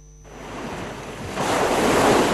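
Sea waves wash in with a broad, hissing roar that swells louder partway through, like surf surging, with a steady rushing texture and no voices.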